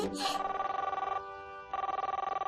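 A telephone rings as a father places a call to the mother: two bursts of warbling electronic ring tone separated by a short pause, clear and steady, with no voices over it.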